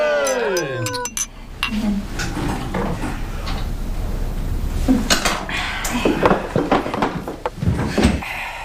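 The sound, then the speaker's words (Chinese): Wine glasses clink together in a toast as younger relatives raise their glasses to an elderly couple, amid a steady clatter of dishes and cutlery, with a bright ringing tone at the start and several sharp chinks scattered throughout, as if at a busy dinner table. “其次是我们衷心的祝愿您二老身体健康，永远平安， 健康， 谢谢， 平安， 干杯， 干杯。”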